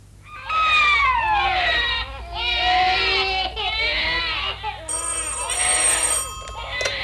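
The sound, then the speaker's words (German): Several babies wail loudly and continuously in a hospital nursery ward, their overlapping cries rising and falling, while a telephone starts ringing over them in the last couple of seconds. “Die Kinder schreien und auf der Straße sind Lautsprecherwagen.”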